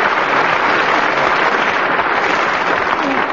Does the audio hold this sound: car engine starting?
no